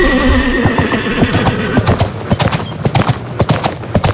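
A horse gives a long, loud neigh, then its hooves clip-clop in a steady, quickening rhythm of sharp knocks over the last couple of seconds.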